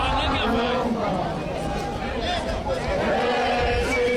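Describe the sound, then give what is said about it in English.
A crowd of hundreds of marchers filling the streets sings and chants together, a dense, steady wall of many voices, loud and continuous without pause. “The march was off to a slow start with small groups trickling into the Thokoza Park earlier, but the crowd has been swelling with a sea of hundreds now filling the streets while singing and chanting.”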